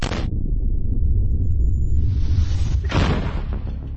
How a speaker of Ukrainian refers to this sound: Це гармата Д-20 152 калібру радянського зразка. Будинок вона може розібрати.